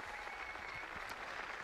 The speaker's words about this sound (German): Diese Einladung des Papstes stimmt das versammelte Volk Gottes mit Applaus zu.